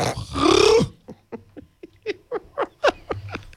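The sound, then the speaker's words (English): A man's voice does an impression of the Cowardly Lion in a loud, raspy roar that breaks into a string of quick, wavering yelps and whimpers, with no other sound around it. “you can sing like Cowardly Lion”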